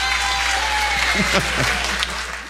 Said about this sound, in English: Okay. Spontaneous applause erupts in the audience.